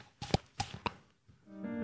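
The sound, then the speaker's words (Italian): A few quick, hollow slaps on the cheeks pop loud in an uneven clip-clop rhythm, imitating a horse's hooves in a sound-effects lesson, before a faint tonal hum rises at the end. “Schiaffetti sulle guance, così.”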